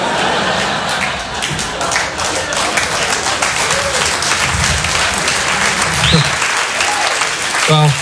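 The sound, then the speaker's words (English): A stand-up comedy audience breaks into steady applause after a joke about yoga and insurance, dense overlapping claps filling the whole stretch at an even, fairly loud level, with a few faint voices and cheers mixed in. “Well, that's easy for you guys to clap at because you guys probably all have insurance.”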